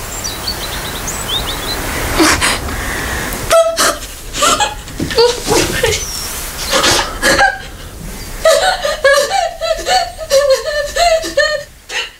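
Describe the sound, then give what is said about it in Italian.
A woman in a film scene sobs uncontrollably and loud, with choppy gasping breaths and broken, hiccuping wails that keep coming in uneven bursts, while faint chirps sound in the background at the start. “Comincia ad avere un singhiozzo, un pianto singhiozzato che va avanti per un minuto.”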